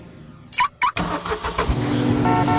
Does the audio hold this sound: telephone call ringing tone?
no